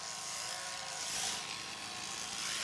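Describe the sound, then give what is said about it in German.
Electric sheep shearing clippers buzz steadily as a sheep is shorn, the clippers run as close to the skin as possible; a dense motorized whir with a faint high whine that holds at a constant loudness throughout, with no voices. “Mit der Schermaschine fährt er immer so nah wie möglich über die Haut.”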